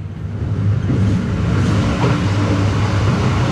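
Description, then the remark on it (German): A steady, loud rumble of a train racing through the darkness, with dense low-frequency roar and rattling throughout and no voices. “Während ich Mutterseelen allein im Zug durch die Dunkelheit raste”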